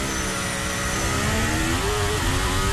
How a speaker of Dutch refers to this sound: Beetje wielspin.